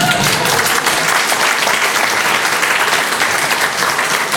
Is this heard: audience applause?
yes